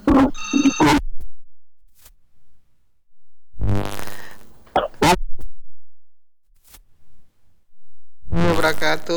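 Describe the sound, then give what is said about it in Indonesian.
A telephone rings in three separate bursts with pauses of silence between them, fairly loud, as the next incoming call comes through a phone line before being answered. “Saya coba terima telepon selanjutnya.”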